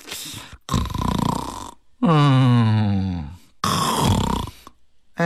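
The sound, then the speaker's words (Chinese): A man's voice imitates the light snoring of Baoyu lying asleep in bed: several drawn-out, rasping breaths in and out, fairly loud, with short pauses between them and no words spoken. “打上小呼噜了。”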